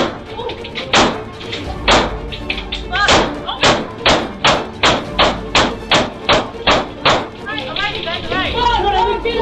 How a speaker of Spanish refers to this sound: ladrón disparó la chapa de la puerta varias veces hasta que se acaba los tiros. Luego, toma la otra pistola y hace lo mismo.